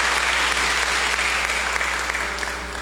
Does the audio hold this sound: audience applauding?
yes